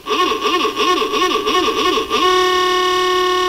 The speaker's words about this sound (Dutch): Ik dacht, anders kan je even toeteren. Maar weet je wat? Ik heb hier nog gewoon die ouwe.